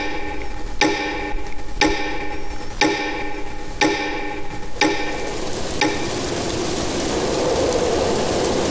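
A clock ticks steadily, about one sharp tick per second for six beats over a humming, ringing background, then the ticking stops and only a soft rushing noise remains.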